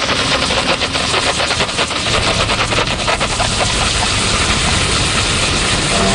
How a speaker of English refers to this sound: You turn on the machine and the machine heats up. So basically we're ready to go. And what we do is turn on the steam button. We place the steam right on the gum and inject the chemical and motion.